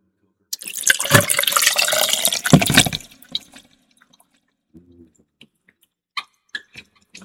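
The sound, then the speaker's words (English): A steady pour of Pusser's rum splashing over ice into a glass for a fizz cocktail, lasting about two and a half seconds, followed by a few faint, scattered clinks and drips as it settles. “So I got my ice in, got Pusser's, which is a mighty good rum and coker.”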